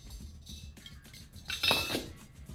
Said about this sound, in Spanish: Es un platillo de carro.